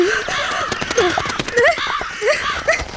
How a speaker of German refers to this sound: Keine Angst, Frau Linke, die Krähen tun Ihnen nichts. Ach, weiß ich doch. Aber es ist mir etwas Peinliches zuzugeben, aber Rabenvögel sind mir unheimlich. Man hat immer das Gefühl, dass sie einen beobachten.